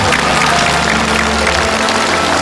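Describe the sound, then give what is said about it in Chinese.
A studio audience claps steadily, a dense, even wash of many hands that stays loud and full for the whole stretch with no voices on top. “我们把掌声送给他们。”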